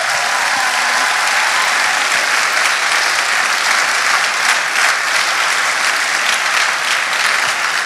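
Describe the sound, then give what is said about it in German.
Sustained applause from an audience for the Pfingstband after the first worship set, a dense, steady wash of many hands clapping at full volume for the whole stretch, with no voices rising above it. “Vielen Dank da an die Pfingstband und ich glaube, wir können jetzt für den ersten Lobpreis schon mal einen großen Applaus da auch noch mal geben.”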